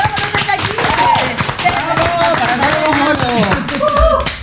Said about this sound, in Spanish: ¡Aplausos!